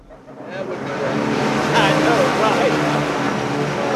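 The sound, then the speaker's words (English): A delivery drone hovers above a small crowd in Tulsa, Oklahoma, dropping two blue bags with manna printed on the side, at a celebration of the first drone delivery in Tulsa: a steady, buzzing whir that swells in over the first second and then holds loud and even, while people's voices murmur underneath. “A small crowd claps as a drone hovers above their heads and drops two blue bags with manna printed on the side.”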